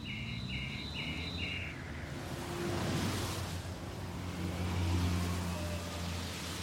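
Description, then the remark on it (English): Cars swoosh past on a street at 2 or 3 in the morning, two broad whooshing swells rising and fading over a steady low traffic rumble, with a few short high chirps early on. “I can lie in bed at night and I can hear the swooshing of cars along the street at 2 or 3 in the morning, like that.”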